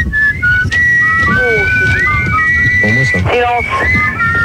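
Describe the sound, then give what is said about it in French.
A jaunty march tune whistled by several people, mixing held notes with quick trilling phrases, played back from a record over a dense low rumble and faint voices. “Je pense qu'on va mettre, je sais pas quoi, un disque.”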